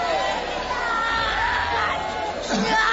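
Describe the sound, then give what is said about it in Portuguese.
A crowd of women church workers shouting together loudly and continuously during an exorcism, calling for Jesus to burn the spirit; overlapping voices form a dense, fervent clamor with some higher cries rising above the babble. “Sai da casa, irmãs obreiras aqui na frente, vão gritando para Jesus queimar ele.”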